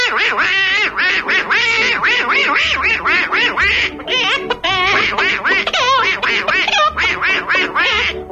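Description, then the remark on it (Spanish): A human voice imitates a duck, spilling out rapid, nasal, quacking syllables in a loud, nearly continuous babble with only brief pauses. It is the voice Disney loved and built an anthropomorphic duck character around. “A Disney le encantó esa voz y decidió crear un personaje que encajara con ella.”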